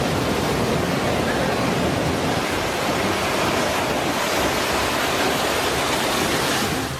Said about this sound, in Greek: καθώς τα κύματα απειλούν τις επιχειρήσεις. Στην παραλία φαίνονται και μέλη του στρατού, ενώ ο φουσκωμένος σχηματισμός φτάνει έως την ακτογραμμή και στα κοντινά ακίνητα.